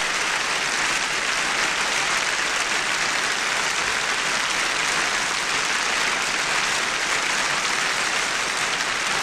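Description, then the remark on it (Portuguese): Sustained audience applause from a large crowd at a festival for the orchestra conducted by Isaac Grazini, a dense, steady wash of clapping at an even loudness throughout, with no voices standing out. “E vamos então avançar para dentro do festival, depois das palmas que a orquestra recebe, dirigida por Isaac Grazini.”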